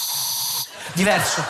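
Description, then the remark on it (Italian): A voice imitates a deodorant spray with a steady, airy hiss lasting about half a second, followed after a short pause by a brief burst of speech. “Oltre alla bomboletta spray, so fare il deodorante, che ha un suono diverso.”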